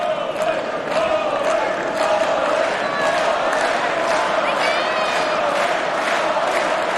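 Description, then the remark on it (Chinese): A tennis crowd cheers on Novak Djokovic steadily, a dense roar of many voices with shouts and a few whistles rising above it, holding at a constant, fairly loud level throughout. “现场的观众也在给德约科维奇加油鼓劲儿”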